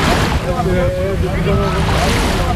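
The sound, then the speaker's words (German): Steady wash of waves rolling onto a white sand beach with very clear green water in Normandy, fairly loud, with gusty wind noise and faint voices drifting underneath. “Und hier haben wir einen wunderschönen weißen Sandstrand mit sehr klarem grünem Wasser.”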